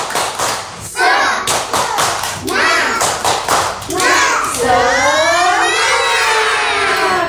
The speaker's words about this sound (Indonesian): Teruntuk teman-teman di rumah, mari bersama-sama mendengarkan tepuk semangat dan tepuk 7 kebiasaan anak Indonesia hebat.